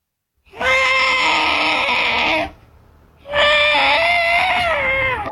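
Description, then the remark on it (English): A voice imitates an elephant with its foot trapped in a hole, calling out for help: two long, loud, strained wailing calls of about two seconds each, separated by a short pause, their pitch wavering slightly. “What about an elephant that gets his foot trapped in a hole and is calling out for help?”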